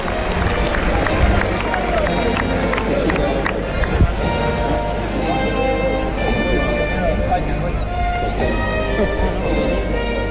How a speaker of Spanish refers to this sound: ahí las palmas del respetable que se pone en pie. Cuando suena el himno nacional, suena la marcha real.